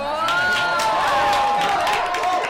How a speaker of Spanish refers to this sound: Ostras, esto es para aplaudir.